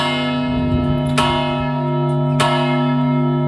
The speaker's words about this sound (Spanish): Es la Torre de la Vela y los tañidos de su famosa campana servirán la tarde de este jueves y la del próximo domingo para poner principio final a un duelo